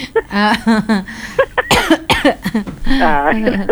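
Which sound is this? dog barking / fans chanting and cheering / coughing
coughing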